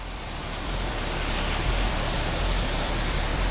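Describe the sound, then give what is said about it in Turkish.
A steady, dense roar of water spraying from a waterfall fills the whole clip, a broad hiss with a deep rumble underneath and no voices or breaks. “Şelaleden inanılmaz derecede su püskürüyor.”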